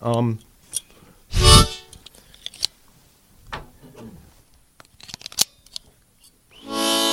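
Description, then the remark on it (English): Handling noises as a guitar is put down: a solid thump and rustle, then scattered clicks, taps and soft knocks as it is set down and settled, with brief voice-like tones at the start and end. “And I'm going to put my guitar down.”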